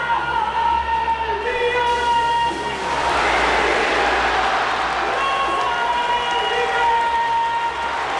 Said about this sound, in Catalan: Quins aplaudiments, eh? Sí, Rafinha continua sent un dels jugadors més estimats.